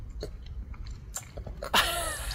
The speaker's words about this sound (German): Eine gesunde Portion Eisglück aus Früchten schmatzt auch die einjährige Daria in Dresden